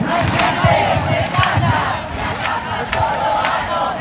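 A protest crowd of thousands rallying for housing chants in unison in the Plaza de Obradoiro in Santiago, Galicia, at the foot of the cathedral, loud and steady, the massed voices rising in rhythmic pulses with sharp bursts cutting through every second or so.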